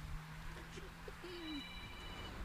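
A mobile phone rings faintly during a live radio broadcast, a thin electronic ringtone with short tonal blips, with soft murmuring.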